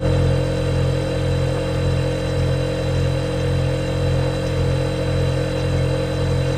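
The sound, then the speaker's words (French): A steady, continuous refrigerator hum with a low droning tone and faint mechanical buzz, holding constant at moderate volume from start to finish with no voices. “Le réfrigérateur.”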